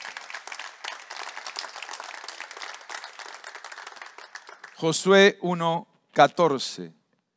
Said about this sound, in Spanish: Solo te pido que seas... Solo te pido que seas un aplauso a Jesús.